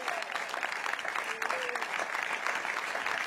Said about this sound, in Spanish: El remedio se llama Jesucristo. Y a su nombre. Dele fuerte ese aplauso, iglesia.